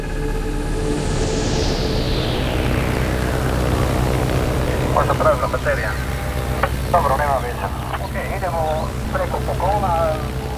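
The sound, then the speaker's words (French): A small blue and white Cessna propeller plane with a six-seat cabin drones loudly overhead above the Amazon rainforest canopy in southern Colombia in May 2023, its pitch sliding downward as it passes, with the steady engine hum continuing while a person speaks over the second half. “Au sud de la Colombie, un petit avion bleu et blanc survole l'épaisse canopée de la forêt amazonienne. C'est un Cessna, dont l'habitacle contient seulement 6 places.”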